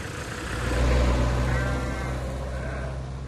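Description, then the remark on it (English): Sheep on a farm bleat in drawn-out, wavering cries, layered over a steady low rumble like an idling engine; no one speaks. “Bye, sheep.”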